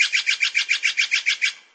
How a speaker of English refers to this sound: Did you answer blue jay? Nope. This is the Steller's jay. If you're west of the Rocky Mountains, you're most likely to hear the Steller's jay. East of the Rockies, you'll hear the blue jay.